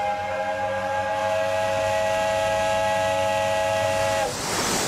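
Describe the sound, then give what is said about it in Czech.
A steady steam whistle hoots in one long, unbroken chord of several stacked tones, loud and sustained for about four seconds before cutting off into a burst of hissing steam. “Nevíš, kdy přestane Hopkins s tím svým zatraceným houkáním?”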